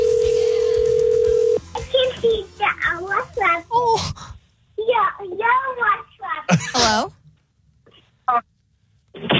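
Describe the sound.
A steady telephone dial tone hums clearly for about a second and a half as radio station 94.1 KODJ places a call to a listener, then cuts off as a voice begins talking, followed by short bursts of speech with brief pauses.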